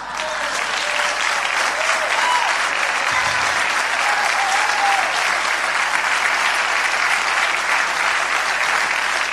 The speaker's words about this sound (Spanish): Yo sé que a usted le sobra, por eso aplaude con desgano.